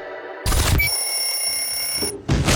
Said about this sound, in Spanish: ¿Apagaste la alarma?